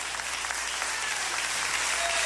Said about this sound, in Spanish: Dele fuerte ese aplauso al Cristo de la gloria esta noche.